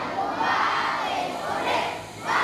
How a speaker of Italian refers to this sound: Una fornitura invece arriva dall'Italia, portata dalla carovana di parlamentari e associazioni ONG che i bambini salutano cantando l'inno nazionale.